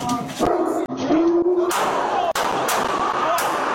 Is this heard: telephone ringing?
no